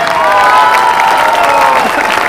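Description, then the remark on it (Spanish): A large crowd in Colombia cheers and applauds loudly and steadily in homage to a late vallenato musician, with a long sustained shout or whistle rising and falling above the roar. “Momento de dolor que siente Colombia, que siente el folclore vallenato por la partida de quien fuera mi padre musical, el hombre más grande de la historia, para quien pido en homenaje un fuerte aplauso”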